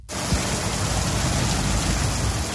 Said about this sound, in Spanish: Como les hemos avanzado, la Comunidad Valenciana amanece este viernes sin ningún aviso por temporal, pero eso sí, la protagonista este jueves por la tarde ha sido la lluvia.